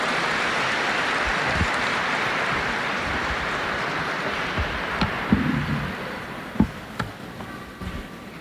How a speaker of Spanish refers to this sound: Démosle una bienvenida calurosa con este aplauso.